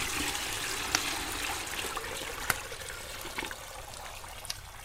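Hot water pours steadily into a wooden tub, a continuous splashing rush with a few small knocks and splashes along the way, with no voices.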